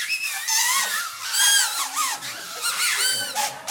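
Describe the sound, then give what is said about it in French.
Many homemade paper whistles blown at once by an audience, a dense, overlapping chorus of shrill, wavering tones that rise and fall in pitch, loud and continuous for several seconds with no talking. “Puis-je entendre un sifflet pour ceux qui ont reçu leur sifflet?”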